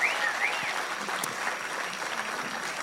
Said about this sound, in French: Un grand merci à la chorale Alassé. C'est un vrai défi de venir au centre culturel Tchibaou sur une heure aussi tardive. Donc je voudrais à nouveau qu'on leur fasse un tonnerre d'applaudissements.